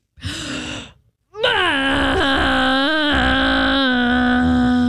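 On a foggy day, a voice imitates a foghorn: a short low droning hoot, a brief pause, then a long, loud, steady moaning blast with slight wavering in pitch that holds to the end.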